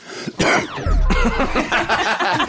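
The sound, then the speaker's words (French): A burst of loud coughing: a sharp hack followed by a rougher, throaty cough that trails into a rattling, chesty sequence, with no speech alongside. “J'adore ces toux qui arrivent juste après.”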